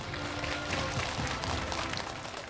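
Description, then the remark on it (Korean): Steady applause from an audience at the 3rd Spring Flower Concert at Yeonhwasa temple on Bulgoksan, Yangju, welcoming Yangju Mayor Kang Su-hyun's congratulatory address, a dense, continuous patter of many hands clapping at a fairly even level for a couple of seconds, with no voices over it. “여러분 따뜻한 박수 보내주시기 바랍니다.”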